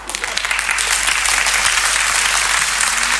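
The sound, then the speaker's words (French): An audience applauding steadily at the end of a performance as the performer returns one last time, a dense wash of many hands clapping at once, sustained and fairly loud throughout with no pauses or voices standing out. “Et puis, quand ça a été fini, je suis revenu une dernière fois sur les applaudissements du public.”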